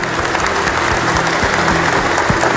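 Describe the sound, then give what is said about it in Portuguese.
Sustained welcoming applause from an audience at a Tuesday Jesus das Santas Chagas service on a cold day in Curitiba, a dense, steady patter of many hands clapping at an even loudness throughout, with no one speaking over it. “Uma salva de palmas, bem-vindos.”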